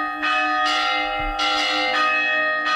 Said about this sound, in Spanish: El sonido de las campanas ha servido también durante siglos para comunicar a grandes distancias gracias a los campanarios de los pueblos.